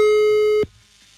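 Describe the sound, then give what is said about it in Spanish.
A steady, mid-pitched telephone line tone with a slightly buzzy edge, heard as a number is dialed for a wake-up call, holds for just over half a second, then cuts off abruptly into near silence. No one speaks. “Así que marcamos en este preciso momento 744.”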